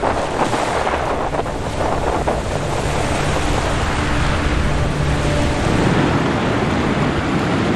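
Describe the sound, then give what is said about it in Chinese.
Strong wind roars steadily over the sea, a dense, unbroken rush of noise with surf churning underneath, loud throughout with no voices. “刚开始来的时候吧，因为以前没遇上这样事，觉得哎呀，这海就是它刮大风的时候，下大雨的时候，这时候觉得哎呀，可恐惧了。”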